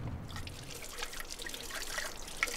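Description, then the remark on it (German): Water trickles and splashes steadily from a spring in the middle of a forest, where drinking water can be collected for free; a continuous babble of running water with small bright drips, no voices. “Und irgendwann haben wir festgestellt, dass es tatsächlich dasselbe Wasser ist, das man auch hier kostenlos holen kann.”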